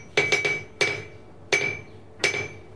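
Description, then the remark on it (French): A hammer rings against an anvil in five sharp metallic strikes, flattening iron to the size of a horse's hooves, two quick ones then three spaced out, each with a bright sustained ring that fades. Loud, with no talking. “Alors, pour l'enclume, moi, il faut que je me recule avec le micro, parce que c'est très fort.”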